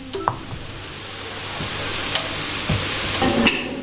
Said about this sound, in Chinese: 我们倒进去之后，炒到要有点噼啪噼啪的声音，那才代表着是熟了，炒熟了。